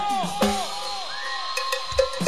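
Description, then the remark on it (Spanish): A crowd of men and women whistles together on request, many overlapping rising and falling tones swooping over one another, punctuated by a few sharp clacks and knocks, steady and fairly loud for a couple of seconds. “A ver, todo el mundo, con todos los varones y mujeres, hombres, un silbo, chicos, un silbo.”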